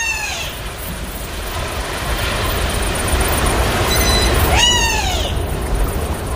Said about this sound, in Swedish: Men det där svaga pipet, är det liksom från en likadan fågel då, eller? Det är nog en vadare som ropar där. Som passar på att svara. Kanske rödbeda. Ja. Det är så försiktigt det där.